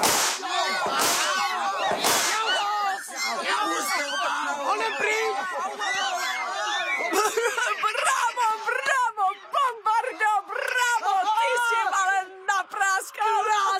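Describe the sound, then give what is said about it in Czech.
Two loud, sharp whip cracks snap out near the start, followed by a chaotic stretch of overlapping shouts, squeals and excited voices that continues to the end. “Ty nechte mýmu biči!”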